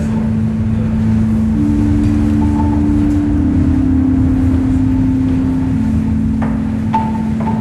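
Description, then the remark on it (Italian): Steady wind rushes through an abandoned building, a low hollow moan holding a sustained whistling tone that shifts slightly in pitch, with a few faint knocks and creaks in the background. “Il suo unico abitante adesso è il vento.”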